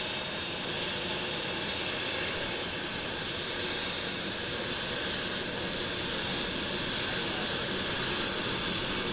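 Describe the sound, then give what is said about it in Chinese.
A steady, dense roar of a jet aircraft engine from Chinese President Xi Jinping's special plane arriving at Joint Base Andrews fills the scene, broad and rushing like heavy wind, holding at a constant loud level throughout with no voices. “随着专机引擎轰鸣声的逐渐加大，习近平主席的专机也即将停靠。”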